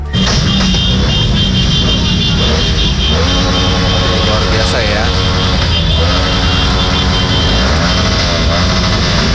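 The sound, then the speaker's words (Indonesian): Loud engines of cars in a convoy rev and roar together in a constant, dense din, with rising and falling pitch sweeps as throttles are gunned, while a man speaks briefly over the noise. “Ngapain geber-geber seperti ini ya?”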